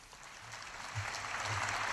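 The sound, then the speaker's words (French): Steady audience applause, a dense crackle of many hands clapping that swells slightly louder partway through and continues without any voices. “Et accueilli par les applaudissements.”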